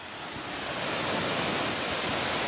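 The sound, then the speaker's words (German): A zookeeper's water hose sprays alpacas in their enclosure at Tierpark Luckenwalde, Germany, in a steady, loud hiss that rushes continuously, with no pauses and no voices. “hat im Gehege der Alpakas den Wasserschlauch schon in der Hand.”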